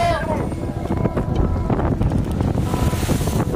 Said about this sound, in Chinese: 海面上刮来的大风让渔船颠簸严重，而对当地渔民来说，这却是经常会遇到的状况，并不会影响下网捕鱼的劳作。